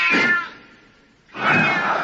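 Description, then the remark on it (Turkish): A cat, stepped on in a dark house, lets out two loud, harsh yowls separated by a brief pause, each cry strained and piercing with no voices around it. “Oh, kediye basmışım.”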